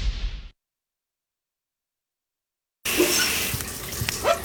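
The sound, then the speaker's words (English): Shower water sprays in a short hissing burst, cuts off into silence for a couple of seconds, then returns as a steady, fairly loud rushing spray with no voices. “Water spots on the shower door again? She sprayed. She scrubbed.”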